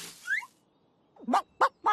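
A chicken clucks: a brief rising squawk, then a pause and three short, sharp clucks in quick succession. No one speaks.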